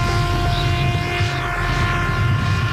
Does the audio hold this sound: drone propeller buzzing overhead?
yes